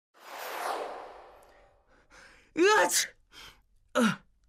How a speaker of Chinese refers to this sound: 唐三打了一个喷嚏，揉了揉自己的鼻子。